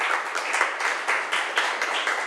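A class of students claps together to encourage classmates after a group's report presentation, a steady, dense patter of applause, bright and crackly, holding at an even loudness for a couple of seconds with no voices over it.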